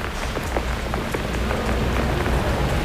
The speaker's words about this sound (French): J'aime bien la pluie sur la ville. En plus, abrité sous un parapluie.